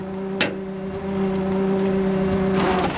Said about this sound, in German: Er zieht den blauen Wagen mit seiner Seilwinde auf die Ladefläche seines Abschleppwagens.